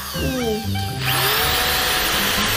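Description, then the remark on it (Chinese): An electric drill bores into a radish that is being carved into a hollow ball, its motor whining up before a loud, steady grinding buzz takes over and continues for the rest of the moment. “拿起了电钻。”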